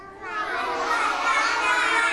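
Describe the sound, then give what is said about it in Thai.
A group of children shout and cheer loudly all at once during activity time, a dense, continuous burst of young voices that swells slightly and holds for about two seconds. “โอ้โหเสียงดังเลยค่ะเด็กๆ”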